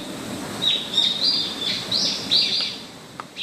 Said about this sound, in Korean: 와, 저 진짜 감탄했어요. 새소리가 이렇게 예뻐요. 네. 네, 진짜 귀하잖아요. 도시에서는 이제. 듣기가 매우 어렵죠.